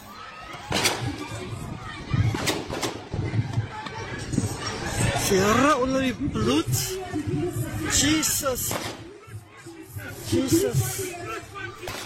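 gunshots

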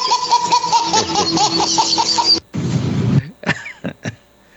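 coughing

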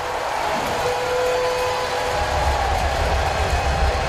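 stadium crowd cheering

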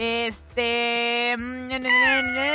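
kittens meowing

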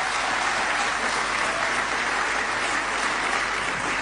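audience applause

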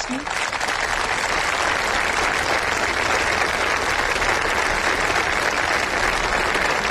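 audience applauding

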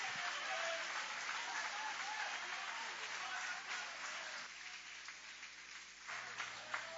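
audience applauding

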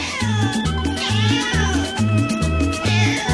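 cat meowing

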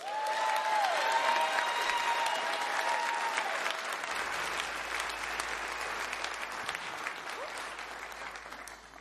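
audience applause

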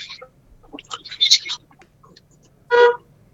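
car horn honking

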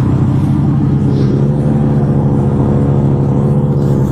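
car

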